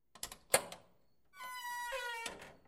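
A door opens: a few sharp latch clicks and a knock, then a steady creaking squeal from the hinge that ends in a soft thump.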